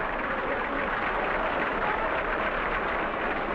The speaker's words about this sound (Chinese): 进了。 现在比分1-0。请听这片欢呼声，观众就像发疯了。